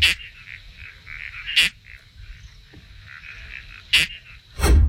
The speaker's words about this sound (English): Like you're kind of getting zapped or something, doesn't it? Yeah, it sort of sounds like you're stepping on it. Eh. The noise one of my cats makes if you step on them. How do you feel about that one? Okay. It's a toadlet species. Correct.